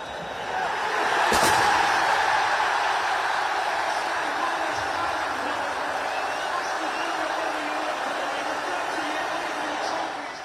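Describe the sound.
A large crowd roars and cheers continuously, a dense wall of voices with shouts rising out of it and a sharp bang early on, as Aston Villa supporters celebrate at the final whistle at a fan event in Birmingham, after their team beat Freiburg 3-0 in the Europa League final in Istanbul.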